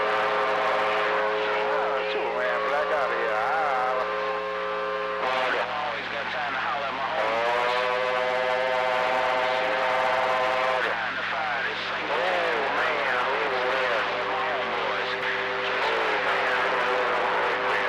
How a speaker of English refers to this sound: Go charge this battery up on his Volkswagen so he can out crank up this old three-stroker motor. Let it hit.